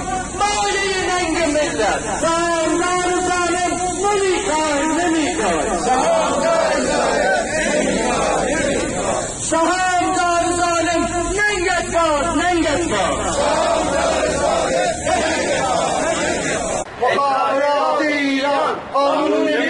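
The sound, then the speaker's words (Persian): A large crowd of retired telecommunications workers at a protest rally in Kurdistan and Kermanshah, Iran, on a Monday, chants in loud, rhythmic unison, voices rising and falling in repeated phrases with a dense babble of shouting throughout, continuous. “بازنشستگان مخابرات در کردستان و کرمانشاه امروز دوشنبه در اعتراض به سیاست‌های ستاد اجرایی و بنیاد تعاون سپاه پاسداران و تأثیر آن بر تشدید بحران معیشت خانواده‌ها تجمع اعتراضی برگزار کردن.”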